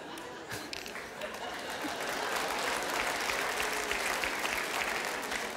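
An audience claps steadily throughout, a dense, sustained wash of applause that builds slightly and holds at a fairly loud level, with a faint murmur of voices mixed in.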